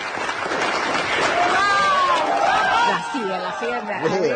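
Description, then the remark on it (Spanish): A crowd applauds loudly and continuously as a woman comes out of her office after receiving an award, a dense wash of clapping mixed with cheers and a few whistles, with shouting voices rising over it toward the end. “Está, sale de su oficina y la gente, la verdad, que la aplaude de una manera pero muy fuerte.”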